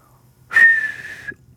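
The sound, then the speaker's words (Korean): A single breathy human whistle held on one steady pitch for under a second, airy, hoarse and hissy rather than clean, fairly loud, with no talking; a poor whistling attempt by someone who cannot control its pitch. “쉰 목소리처럼 휘파람 소리에도 좀 쉰 소리가 나고 음높이 조절이 안 됩니다.”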